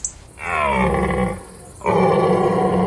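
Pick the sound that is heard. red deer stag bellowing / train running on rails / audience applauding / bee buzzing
red deer stag bellowing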